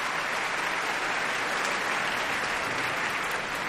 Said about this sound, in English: She's in a gown of icy blue, her hair down. Calaf looking the warrior in gray and brown. And they're curtsying and bowing to this cheering crowd.